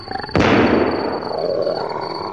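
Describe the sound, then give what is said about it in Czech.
A whole pack of big cats, jaguars or pumas, at night by a campfire, let out a loud, rough roar that bursts in suddenly and then holds as a low, rumbling growl with no one speaking. “Je jich celá tulpa. Asi jaguáři nebo pumy.”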